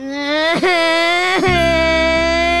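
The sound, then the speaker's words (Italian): A 23-year-old adult whimpering and crying in a long, loud wailing tone, breaking into two quick sobbing catches before dropping into a lower, steadier moan. “Che cazzo stai piangendo? Piange!”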